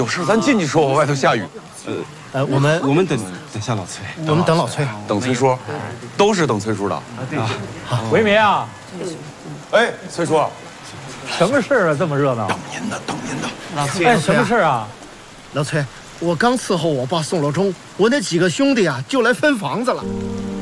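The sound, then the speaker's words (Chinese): Steady rain falls outside, hissing in the background while several people talk over it, their voices prominent and the rainfall a constant wash underneath. “有事儿，咱进去说，我外头下雨。”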